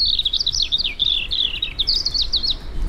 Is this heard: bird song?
yes